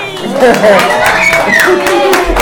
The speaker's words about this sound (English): So, the baby, clap for yourself again. Clap for yourself.